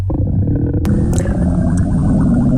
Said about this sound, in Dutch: Lekker onder water. Ja. Het lijkt me onder water. Ik hoop altijd dat ik dit niet via een radioprogramma heb. Deze geluiden, dat dan begint te borrelen als je aan het presenteren bent.